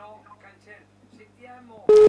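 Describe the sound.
Soft voices murmur in the background, then a sudden loud telephone call signal tone cuts in abruptly at the very end, overpowering everything.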